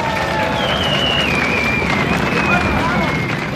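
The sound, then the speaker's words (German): Steady, dense applause fills the whole stretch at an even loudness, a crowd in Michelstadt clapping together for the mayor, Reinhold Ruhr, with a faint high whistling tone drifting over the noise. “Sie haben uns richtig angesteckt mit Ihrer Stimmung und vielleicht stecken Sie auch unseren lieben Bürgermeister an, der sitzt hier neben mir, das ist er, ihr kennt ihn ja doch alle, der Reinhold Ruhr, ein extra Applaus.”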